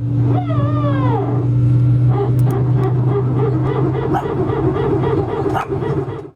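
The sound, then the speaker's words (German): A loud, steady airplane engine drone hums throughout. At the start, a high, sliding whine from the airplane sounds uncannily like a dog. It is followed by a run of yips and whimpers from a real dog reacting, over the rumble. “Aber das erste Geräusch ist natürlich kein Hund, sondern eigentlich ein Flugzeug”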